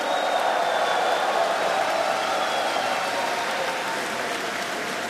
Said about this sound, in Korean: 네, 다시 한번 큰 박수 보내주시기 바랍니다.